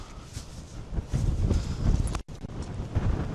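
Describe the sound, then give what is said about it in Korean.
Strong wind gusts at a campsite in Hofsós buffet the microphone in a loud, rumbling roar that swells and dips, with rapid flapping thumps from a towel flapping like a flag in the wind. A brief dropout cuts the sound near the end. No one speaks. “제 바람의 위력을 보여드릴게요.”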